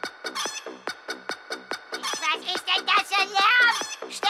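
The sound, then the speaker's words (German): Chickens from a farm cluck in a steady, rhythmic pattern like a song, the short bursts soon thickening into a dense, overlapping chorus of louder squawking calls. “In Zusammenarbeit mit ein paar Leuten von meinem Hof. Also, mit meinen Tieren.”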